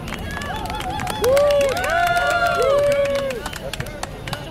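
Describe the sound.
A crowd claps steadily for several seconds while scattered voices cheer and whoop above the dense, crackling applause, which stays fairly loud throughout.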